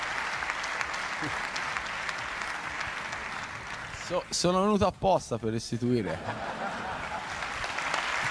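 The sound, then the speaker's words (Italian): Steady applause, including from De Laurentiis, a dense hiss of many hands clapping, runs throughout at moderate volume. A man speaks briefly over it midway, and the clapping continues after he stops. “C'è l'applauso di De Laurentiis anche, molto molto divertito.”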